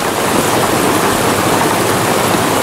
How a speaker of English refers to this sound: Someone else messaged said, Dark Screen Gentle Rain on YouTube puts me and kids to sleep.